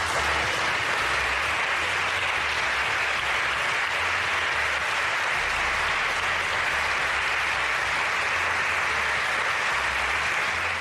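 Sustained, dense applause after Madrid president Isabel Díaz Ayuso speaks of the Spanish Formula 1 Grand Prix in Madrid, a steady wash of many hands clapping at an even, fairly loud level with no voices standing out.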